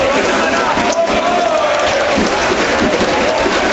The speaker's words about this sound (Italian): Tanto arriva Polonara che passa davanti alla nostra postazione, anche sotto la curva virtusina, ovviamente applaudito, ovviamente con il coro per lui.